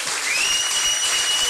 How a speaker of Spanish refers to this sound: Dele palmas a Cristo.